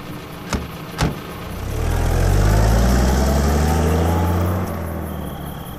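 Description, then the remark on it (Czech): A car engine rumbles as the car arrives, its low idle steady and slightly rising for a few seconds, preceded by two sharp clicks or knocks near the start. “No, konečně. Auto je tady.”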